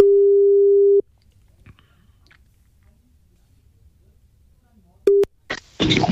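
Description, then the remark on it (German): A telephone ringback tone on an outgoing call: one steady, low-pitched beep lasting about a second, a long silent pause, then a brief second beep cut short by crackly, noisy bursts on the line. “Es müsste gleich klingeln.”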